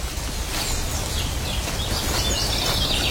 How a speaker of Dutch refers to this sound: Dat is een zwartkop.